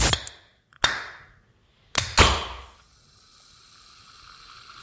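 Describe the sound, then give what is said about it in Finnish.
A few sharp clicks and bursts of air, then a drink can pops open with a loud hiss that settles into a steady soft fizz. No one speaks. “Pystyisit sä sanomaan tästä sihautuksesta, että onko kyseessä bisse vai limu?”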